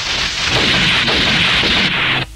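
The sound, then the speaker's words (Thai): A loud, sustained burst of rapid gunshots on a mountain, the shots blurring into a dense, crackling roar for about two seconds before cutting off abruptly. No voices are heard. “ปล่อยเอาไว้แบบนี้เสียงปืนจะทำให้มีคนขึ้นมาด้วย”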